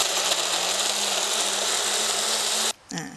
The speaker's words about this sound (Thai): เราควรจะใช้เครื่องปั่นที่ค่อนข้างจะมีประสิทธิภาพที่หนึ่งนะคะค่อนข้างจะมีความเร็วสูงนิดนึงนะคะเพราะว่าเราต้องการปั่นให้เนื้อผลไม้ทุกอย่างเนี่ยรวมเป็นเนื้อเดียวกันละเอียดนะคะเราจะปั่นไปเลยนะคะ